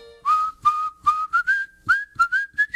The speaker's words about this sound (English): I didn't know you whistled. Oh, yeah.